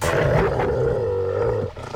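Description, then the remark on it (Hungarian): A dog growls loudly in one long, deep, rumbling snarl that holds steady for nearly two seconds before breaking off abruptly. No one speaks. “Fogják meg a kutyát, emberek.”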